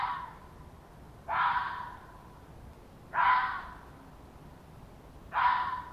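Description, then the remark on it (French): A red fox gives three hoarse, breathy yelping barks, evenly spaced about two seconds apart over a faint low rumble, with no voices present. “Glapissement, aboiement, cliquettement et gémissement lui servent à communiquer avec ses congénères.”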